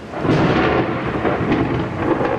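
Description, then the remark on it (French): Steady heavy summer rain pours down in Mexico City with a deep rumble of thunder rolling underneath, loud and continuous throughout, with no voices present. “La pluie, c'est justement ce qui rythme l'été à Mexico.”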